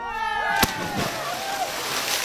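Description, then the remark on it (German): A voice briefly calls out a goodbye, then a single sharp splash of a man doing a cannonball dive into turquoise seawater, followed by a couple of seconds of sloshing and churning water. “Sie hören gleich noch final mit einem Tschüss den Aufprall von … und seiner Arschbombe”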